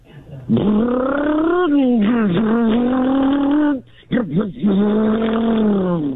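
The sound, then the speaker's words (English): A voice imitates a car engine revving, a loud, buzzing vroom that rises and dips in pitch over several seconds, with a brief break before the revving resumes. “That's a car.”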